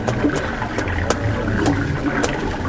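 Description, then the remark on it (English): Water from a spring trickles steadily, a continuous babbling flow with small splashy drips popping out every half second or so, and no voices. “Well, this spring is a good place to drink and rest, too.”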